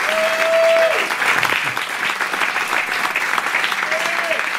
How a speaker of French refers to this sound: Et voilà les applaudissements